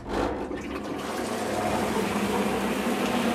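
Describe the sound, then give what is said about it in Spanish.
A grinder churns wet paper pulp, with a wooden fork pushed in to keep the grinding stone from jamming, in a steady, loud, watery whir, running continuously with no pauses and no voices over it. “Y va a hacer un poco de ruido”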